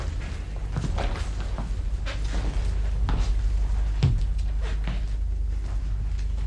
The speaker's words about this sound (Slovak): Najprv sa robili, že spia. A teraz už začali odkladať kamene pri dverách.